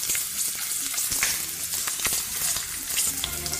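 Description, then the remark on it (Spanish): Potatoes just put into boiling oil sizzle steadily, a dense crackling hiss with scattered sharp pops, fairly loud throughout, with no voices. “A ver, aceite hirviendo.”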